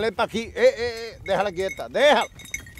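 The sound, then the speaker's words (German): A cluster of sheep, guarded by a shepherd and his dogs, bleat, several wavering calls overlapping in quick succession before fading out, with no talking over them. “Pech gehabt, es gibt nur Schafe.”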